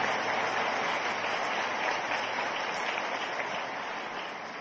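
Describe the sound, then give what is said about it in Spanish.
An audience claps steadily in a dense, continuous wash of applause lasting the whole clip, fairly loud and even, tapering slightly at the end, with no voices over it. “Yo los bendiga, un aplauso para ellos.”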